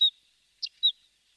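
Three short, high-pitched bird chirps, each quick and clear, with a brief pause before the second and third, heard alone against a quiet background.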